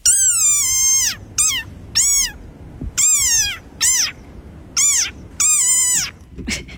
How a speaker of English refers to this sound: It's a desert rain frog.